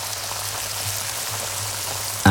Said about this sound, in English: This is the sound of a pair of 32-day matured, award-winning sirloin steaks cooking in pure Irish butter.